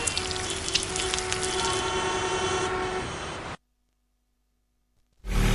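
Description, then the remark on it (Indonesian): Heavy rain pours down in a loud, dense, steady hiss for a few seconds, cuts off abruptly into silence, then the downpour bursts back in just as loud. “Ini hujannya kenceng banget.”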